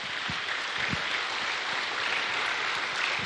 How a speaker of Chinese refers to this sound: 社区食堂暖意融融，电视里总书记的一句银川多民族社区居民亲如一家响彻满屋，短暂的安静之后全场掌声雷动，老人热泪盈眶，